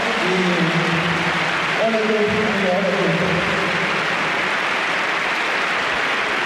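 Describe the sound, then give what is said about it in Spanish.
A large stadium crowd applauds the whole team and coach Cholo Simeone, a dense, continuous wash of clapping that fills the whole stretch, with some voices briefly rising over it near the start. “Aplaude todo el público, aplaude a todo el equipo, aplaude también al Cholo Simeone.”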